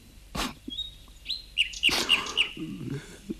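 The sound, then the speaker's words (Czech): A small songbird sings clear, high, pure whistled notes, exactly like an old music box in tone and delivery, including a quick run of four bright tones in steady rhythm, sounding like a tinkling music box. A couple of soft rustling bursts sit underneath. “Skutečně, ten pták to dělá přesně podle hrací skříňky vysoce zvěčnělé císařovny.”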